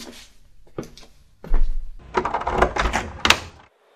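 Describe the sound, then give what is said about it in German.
A few sharp latch clicks, then a heavy door swings open with a low thud and a drawn-out scraping creak, with no one talking. “Die Orks haben diese Tür hier bewacht.”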